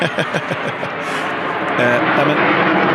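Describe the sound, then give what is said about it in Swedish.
A small propeller plane flies overhead again, a steady broad engine rumble that swells louder partway through, with people talking over it at the start. “Nu åker ett litet flygplan över här igen.”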